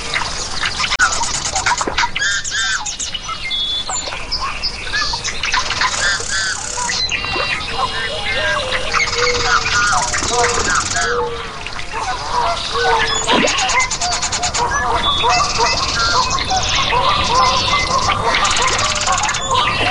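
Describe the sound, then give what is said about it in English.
A dense evening chorus of many birds singing and calling at once at dusk by a lake as the sunlight weakens, with overlapping chirps, whistles and harsher squawk-like notes filling the air continuously at steady loudness. “Now to listen as the sunlight weakens, the insects emerge, and the birds sing their goodnights before the frogs take over for the evening.”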